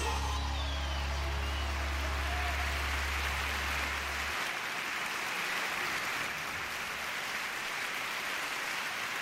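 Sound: audience applauding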